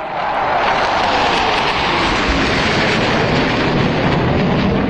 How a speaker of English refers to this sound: F-15 and F-16 fighter planes, though, don't melt in the summer heat and carried out their flypast in the skies over Washington to schedule.